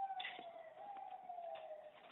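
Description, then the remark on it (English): An ambulance siren wails steadily outdoors, a sustained tone drifting slightly downward as it goes by, moderately loud with a faint wash of outdoor noise. “Listen, sorry, I'm just going to step inside. There's an ambulance going by.”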